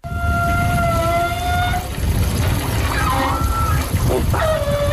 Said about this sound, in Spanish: Una ducha de cuerpo en la playa de Palomares en Almería. Vale, decimos ducha de cuerpo.